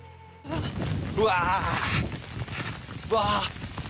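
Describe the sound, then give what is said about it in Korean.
Hail falls in a dense, steady clatter that starts suddenly and stays loud, while a person speaks excitedly over it in two short bursts. “와, 지금 이제 우박이 떨어집니다. 이거 우박이에요, 우박.”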